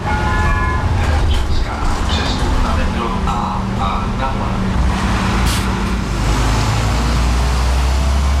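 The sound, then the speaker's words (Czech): A steady, loud engine roar and deep road rumble from inside a Prague city bus, line 145 (the 'tunnel bus' linking Čimice and Dejvice, Prague 6 and Prague 8), moving through the Blanka road tunnel, with faint muffled voices in the background. “Autobus linky číslo 145 projíždí tunelem Blanka a trasu mezi Prahou 6 a Prahou 8 ujede asi za 20 minut.”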